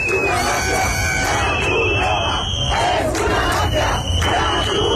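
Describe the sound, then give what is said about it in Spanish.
A loud, dense crowd shouts angrily in unison, chanting the Spanish slogan "La Cruz Roja es una mafia" while trying to block Red Cross trucks carrying water and food for immigrants, with repeated bursts of yelling over a constant roar of voices. “ha intentado bloquear el paso a camiones de la Cruz Roja que transportaban agua y comida para los inmigrantes al grito de "La Cruz Roja es una mafia".”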